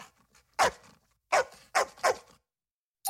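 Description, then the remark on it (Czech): A pet dog named Azor barks sharply, about five loud barks in an uneven rhythm with short silent gaps, the last one cut off at the end. “Tu první o muzikantech z Brém jsme slyšeli od našeho psa Azora.”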